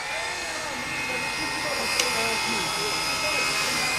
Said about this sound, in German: Idyllisch könnte es sein, gäbe es nicht den ohrenbetäubenden Lärm von Vorschlaghämmern und Steinkreissägen.